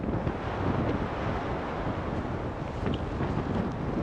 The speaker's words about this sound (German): So kann sich Wetter in Grönland ändern. Jetzt sieht man das. Das sind jetzt Böen, das ist jetzt dieses Orkantief. Die sind so bei 110, 120 Kilometer pro Stunde.